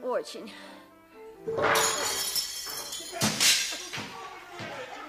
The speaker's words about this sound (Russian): Вы меня там всю посуду перебьете.